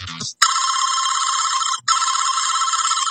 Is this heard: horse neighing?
no